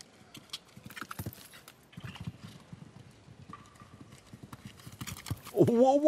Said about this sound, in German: Wow, da hat aber wirklich die Galoppade lang gemacht hier, bis zum geht nicht mehr.